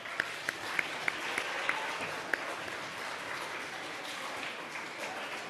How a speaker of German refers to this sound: Und auch für die 5 einen heftigen Applaus.